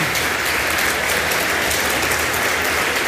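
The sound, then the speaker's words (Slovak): A crowd at an award ceremony applauds steadily as the fairy tale Príbehy Kveťa Hrebára is announced as a prize winner, dense clapping filling the whole stretch at a constant loud level with no voices breaking through. “Veľký potlesk.”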